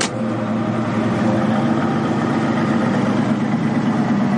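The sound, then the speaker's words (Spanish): A steady, low rumble of car engines idling at 7 in the morning as the vehicles stand ready for a photographic safari with a small number of visitors, a constant throaty hum with no variation in speed, holding evenly for the whole stretch without any voices. “A las 7 de la mañana, los coches están preparados para realizar un safari fotográfico con un reducido número de visitantes.”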